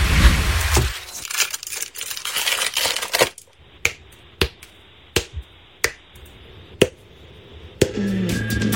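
A few seconds of dense, crackling foil being unwrapped, then a chocolate bar snapped apart in about six sharp, dry cracks at uneven intervals.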